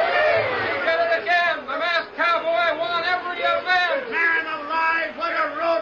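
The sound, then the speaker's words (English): A rodeo crowd cheers wildly as the final event, bronco busting, ends, a dense, continuous roar of many voices with rising whoops and yells that stays loud for about six seconds. “As the final event, bronco busting, ended, the crowd went wild.”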